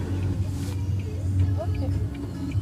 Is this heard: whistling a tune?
no